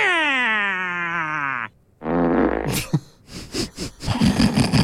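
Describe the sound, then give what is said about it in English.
A drawn-out, buzzy fart noise sound effect played on The Breakfast Show radio programme slides steadily downward in pitch. After a brief pause comes a second rasping blurt and a string of short, noisy bursts. “She's losing her marbles right now over a fart noise.”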